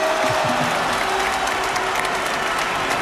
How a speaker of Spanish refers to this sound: Un aplauso de todos.